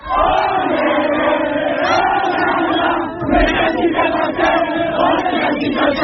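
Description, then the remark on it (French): A crowd of young voices cheers and shouts in celebration on the pitch right after a cup football match that Verson won 1-0 against Bayeux, a dense, loud roar that holds steady, dips briefly midway, then surges back with whoops and chant-like yells. “C'était la fête sur le terrain dès la fin du match,”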